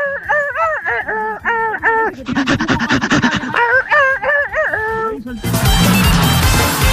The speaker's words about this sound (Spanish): ¿Dónde salió el Chihuahua ese?